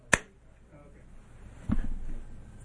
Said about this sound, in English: And, you know, when ICE is out there deporting people, wearing masks, all I can do is 80s movie slow clap.